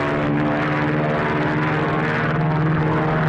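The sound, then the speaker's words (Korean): A propeller aircraft engine drones loudly and steadily overhead, its deep harmonic hum filling the whole stretch with no pauses and no voices. “비행기에서 불줄기가 쏟아져 내렸다.”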